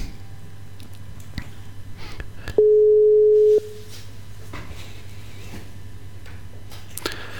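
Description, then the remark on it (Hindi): A single steady telephone tone sounds for about a second while a telephone call is being dialed, loud and clear, over a faint hum with scattered small clicks and background noise before and after. “दोस्तों, हम कोशिश कर रहे हैं भाई राधे जी से और संपर्क करने को, और राधे भाई को देखते हैं कि उनसे कैसे टेलीफोन द्वारा हम अर्थ सेंडिंग में ला सकते हैं।”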